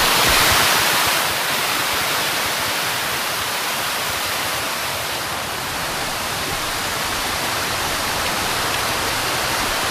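Water rushes steadily out of a canal lock's overflow outlet, a dense, continuous, loud roar with no pauses or voices, just the full churning wash of falling water.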